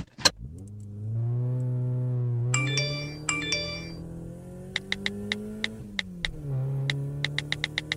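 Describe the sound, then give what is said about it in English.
The driver's mobile phone rings twice in short melodic bursts with a call from his girlfriend, over the steady hum of a car engine during a drive, followed by a string of sharp clicks. No one speaks. “It's my girlfriend. I gotta answer it.”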